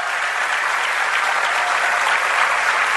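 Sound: audience applauding loudly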